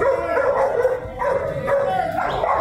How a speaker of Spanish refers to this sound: Y ahí hay una persona que trata como de pegarle. Como que dice, no, no, no, no, no, no, no, no. Dos personas ahí. Y una persona intenta calmar al perrito. Sí. Esto fue en Río Negro.